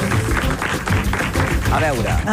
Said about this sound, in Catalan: Bueno, amb tots vostès, un aplaudiment, per favor